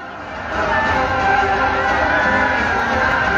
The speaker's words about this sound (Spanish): Aplausos.